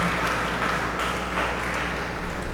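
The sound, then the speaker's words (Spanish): Steady applause from a large group at a church service, given for Saint Francis of Assisi, a dense, continuous patter of many hands clapping at once, sustained without a break and with no one speaking over it. “Hoy pues regalémosle un fuerte aplauso a San Francisco de Asís, que él también interceda por nosotros.”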